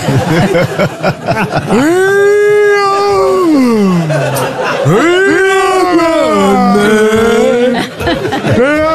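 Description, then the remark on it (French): A dog howls in two long, drawn-out wails whose pitch slides up and down, loud, with a busy background murmur running underneath throughout. “Ah, j'ai mis de chien.”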